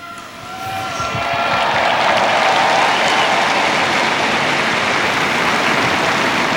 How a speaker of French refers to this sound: Le pape qui a donc récité la prière mariale de l'Angélus et qui est applaudi par les fidèles.